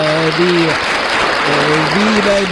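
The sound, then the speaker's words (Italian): Steady, dense applause on Disabili International Radio fills the whole stretch at constant loudness, with a voice sounding over it in drawn-out, sing-song tones. “E beh, facciamo un applauso allora pure a questo punto.”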